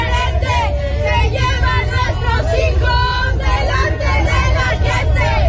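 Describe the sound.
A large crowd of protesters, mainly relatives of missing persons, chants and shouts slogans such as "Mexico, champion of disappearances". They are at the stadium in Mexico City hosting the World Cup opening match. The chanting is a loud, continuous roar of many voices with rhythmic rises, over a low rumble of traffic.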